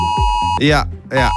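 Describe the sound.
A steady, piercing electronic emergency alert tone from mobile phones, sounding at 11 a.m. on Germany's national warning day, plays throughout, moderately loud, while a voice makes swooping vocal sounds over it.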